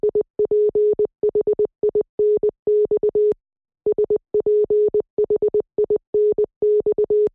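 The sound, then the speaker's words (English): Morse code beeps at one steady pitch, a crisp pattern of short dots and longer dashes, spelling out the word Sphinx twice with a brief pause between the two runs. “That is the word Sphinx repeated twice in Morse code.”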